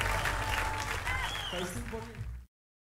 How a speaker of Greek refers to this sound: Ένα δυνατό χειροκρότημα για τα παιδιά.